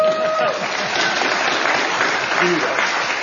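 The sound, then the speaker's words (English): A large audience at a panel event claps steadily and loudly throughout for a panelist introduced as a native North Dakotan and retired four-star admiral, a dense wash of applause with a few brief tonal voices or whistles poking through near the start and later on. “That was sure to get an applause.”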